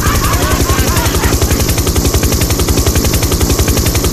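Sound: helicopter rotor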